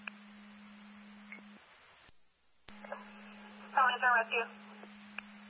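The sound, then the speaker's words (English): A brief electronic phone ring, two or three quick warbling bursts, sounds thin and muffled over a steady low hum, as if picked up through a radio or phone line. “That's your phone flower.”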